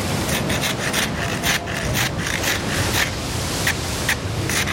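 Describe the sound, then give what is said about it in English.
Rough, gritty scraping across a hard crusted surface, rapid back-and-forth strokes blending into a steady harsh rasp that stays loud throughout, with no voices. “I almost have the side scraped clean, Father.”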